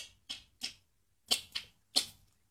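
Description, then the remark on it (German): A person imitates sperm whale clicks with their mouth, making six sharp clicks in loose irregular pairs with short pauses between, with no talking. “ich klicke jetzt auch mal was und du darfst übersetzen.”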